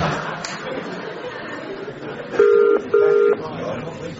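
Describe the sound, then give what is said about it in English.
A telephone ringing tone on the line, calling someone at home, sounds one double burst, two short steady buzzing pulses close together, over a low murmur of background chatter. “answer the phone.”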